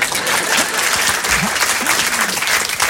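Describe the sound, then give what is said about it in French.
An audience claps for an artist on stage, steadily throughout, a dense, loud wash of many hands with no pauses, with a few faint voices calling out beneath the clapping. “Et lorsque c'est un bon public, il applaudit.”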